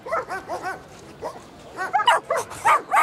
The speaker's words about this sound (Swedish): Invigningen kom och det gjorde även 40 glada och lekfulla hundar.